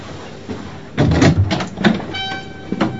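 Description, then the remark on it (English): A door is pulled open with a heavy clunk and rattle as a man strides to it to leave, followed by a thin, drawn-out squeak and a final soft knock, fairly loud. “He strides to the door, maintaining his cool.”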